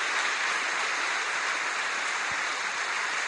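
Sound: audience applauding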